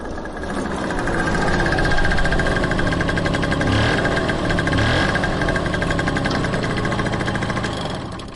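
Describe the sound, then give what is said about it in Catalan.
A small motor scooter engine runs steadily, with a rapid buzzing pulse and a rough, rattling hum that holds throughout without anyone speaking. “Deixarem la moto aquí, entre els altres ciclomotors.”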